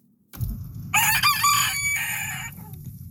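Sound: rooster crowing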